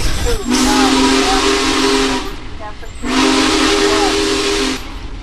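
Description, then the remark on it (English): The whistle of the Big Boy steam locomotive, blown by a passenger in the cab, gives two long, loud blasts, each a breathy, hissing tone lasting nearly two seconds, separated by a short pause with steam hiss continuing underneath. “Oh, he's gonna let me blow the whistle here.”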